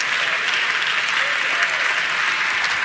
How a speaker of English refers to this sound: Thank all 20 of y'all for clapping on that. I appreciate that.